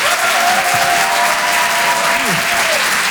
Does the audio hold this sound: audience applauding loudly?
yes